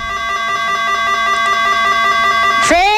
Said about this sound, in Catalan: Bueno, quan toquem el timbre de casa en Laszlo, en respon una dona.